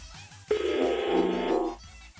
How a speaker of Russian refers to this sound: Все истеричнее и истеричнее гудок, а Макса нет.